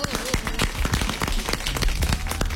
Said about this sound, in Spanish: Chicos, zona Sarasa, el aplauso.